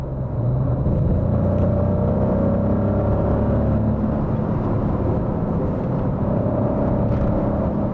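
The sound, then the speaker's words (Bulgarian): A Maserati Nettuno V6 engine, developed from Formula 1 engines for supercars like the MC20 and MC Pura, drones at a loud, continuous steady roar, its pitch sliding up and down slightly as the revs rise and fall. There's no talking. “И като звук, и като динамика, този двигател напълно съответства, ако не и засенчва, митичния V8, който Maserati използваше в предишните десетилетия.”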